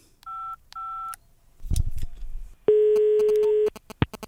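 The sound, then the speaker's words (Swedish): Two short dual-tone keypad beeps of a phone being dialed to call a radio agent, a brief rustle of handling, then a steady, loud ringing tone lasting about a second, ending with a few sharp clicks. “Jag ska se här, jag tar och ringer upp ännu mer radioagenter för att lösa den.”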